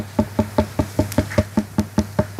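A rapid, evenly paced series of about a dozen bright, hollow knocks, clear, each with a resonant woody ring, over a faint steady low hum.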